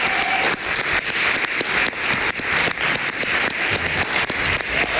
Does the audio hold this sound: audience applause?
yes